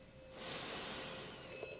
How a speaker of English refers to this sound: And so, breathing in.